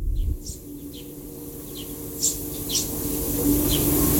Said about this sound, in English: And the wildlife, the birds are just going for it this morning. In fact, I thought if I turn this other microphone on, you will be able to hear this.